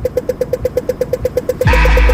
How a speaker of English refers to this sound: That track is everywhere at the moment, but I can't help, after Rebecca and Brendan talked about it the other day, that it sounds a bit like the Dublin traffic lights.